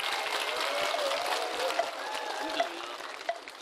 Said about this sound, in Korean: 지금부터 80년의 회향, 100년의 발언, 국태 민안, 국민 대화합을 위한 대한불교 법화종 창종 80주년 기념법회를 봉행하겠습니다. 뜨거운 박수 보내주시기 바랍니다.